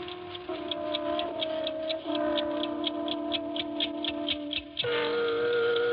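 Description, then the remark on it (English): An 8-day clock in an apartment living room ticks steadily and quickly, each crisp tick evenly spaced, over a sustained droning, tonal hum that shifts pitch a couple of times. “I had been away for 3 weeks, and my 8-day clock was running.”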